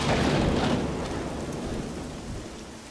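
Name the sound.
rain starting to fall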